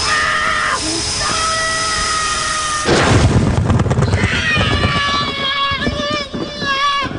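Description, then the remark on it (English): A steady mechanical whine with high ringing tones gives way to a sudden loud explosion about three seconds in, followed by a rough, roaring rumble with shrill, wavering tones over it. “Poor little Tommy accidentally stuffed himself into the rear thrusters right before the explosion.”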